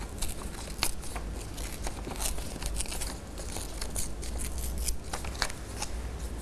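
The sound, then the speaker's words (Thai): A teacher slowly tears colored paper by hand into an animal shape, a steady crackling rip with small snaps and crinkles running for several seconds and no talking. “ก็จะใช้มือนะคะค่อยๆฉีกกระดาษค่ะ”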